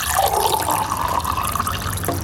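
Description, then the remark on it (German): Water is poured steadily into a glass, a continuous splashing stream whose hollow ringing tone climbs in pitch as the glass fills, ending with a brief final trickle. “Was darf ich dir denn zum Trinken einschenken? Ich habe gerne Wasser.”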